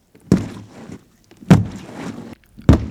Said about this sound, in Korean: 곧이어 먹이를 향해 달려드는 라투스의 거대한 발소리가 굴 속에 울려 퍼졌다.